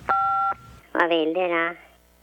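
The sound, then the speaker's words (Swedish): A single telephone keypad tone, as 1 is pressed in an automated telephone answering system of the Swedish Tax Agency (Skattemyndigheten), sounds clearly for about half a second, a steady dual-pitched beep, followed after a short pause by a loud voice. “Detta är en automatisk telefonsparare. Just nu är det många som ringer. Vill ni något, tryck 1.”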